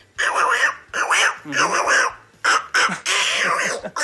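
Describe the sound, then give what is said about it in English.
A nasal, squawky voice does an impression of the cartoon duckling Little Quacker, sputtering quacky gibberish in several rapid bursts with brief gaps, fairly loud. “That's Little Quacker.”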